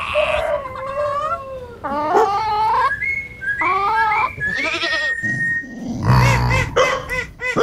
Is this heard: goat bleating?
yes